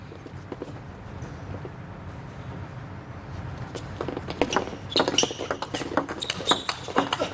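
Sharp ball and paddle clicks trade back and forth in a quickening table tennis rally between Yuan Licen and Wen Ruibo, a topspin exchange played far from the table. The clicks are sparse at first and then rapid and crisp over a low murmur of crowd noise.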